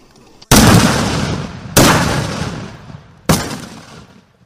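Three loud rifle shots ring out under harsh sun at a Vietnamese army shooting range as soldiers of Regiment 95, Division 2, Military Region 5 fire at targets 4 and 5, spaced about a second and a half apart, each a sharp crack followed by a long rolling echo that decays slowly.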